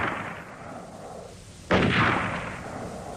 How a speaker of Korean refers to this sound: 홀연 총소리가 울렸다.